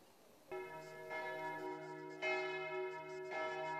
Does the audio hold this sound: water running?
no